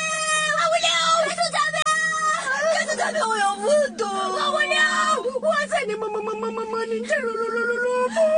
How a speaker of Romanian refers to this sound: Nu mai plânge. Acum e important să rămânem în viață. Păi da, să plâng. Căsuța nu mai e.